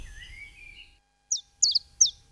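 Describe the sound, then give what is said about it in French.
A common chiffchaff sings a few short, high, sharp notes in a steady two-note rhythm, clear, after a faint, thin whistle fades out at the start. “Puis encore un oiseau très courant, le numéro 5, c'est le pouillot véloce, avec son chant facile à reconnaître, son chant très très simple, qu'on peut voir toute l'année.”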